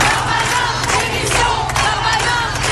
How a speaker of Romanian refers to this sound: Ministrul francez al justiției promite măsuri dure, oamenii îi strigă însă demisia.